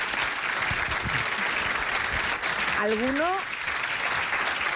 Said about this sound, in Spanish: Oye, eso se merece un aplauso, sí, ¿eh? Por favor.